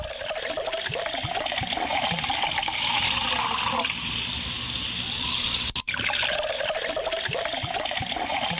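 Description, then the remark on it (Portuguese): Coffee pours steadily into a cup in a kitchen, a continuous liquid splashing and gurgling that carries on for several seconds, with a brief break near the end before the stream resumes. “O cafezinho caindo na xícara, a fumacinha subindo e junto com ela aquele cheirinho de café tomando conta da cozinha.”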